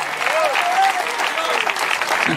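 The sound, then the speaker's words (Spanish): A church audience breaks into steady, dense applause for the Lord, many hands clapping at once in a continuous wash of sound, with a few faint voices rising briefly above the clapping. “Debe verte ese aplauso si es para el Señor.”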